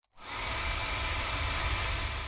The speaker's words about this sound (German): Ihr braucht also lediglich einen Föhn und ein Gerät zum Aufnehmen. Wenn ihr den Föhn so haltet, dass ihr im rechten Winkel am Mikrofon vorbeibläst, hört sich das dann so an.